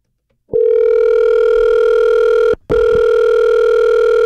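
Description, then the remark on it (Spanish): A telephone call being dialed and ringing through to a cell phone: a steady, loud electronic tone sounds for about two seconds, cuts out briefly, then resumes and holds to the end. No one speaks. “Prepara tu celular porque ahí voy, ahí voy.”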